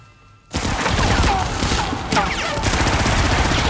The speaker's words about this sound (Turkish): Ateşi kesin! Ateş etmeyin!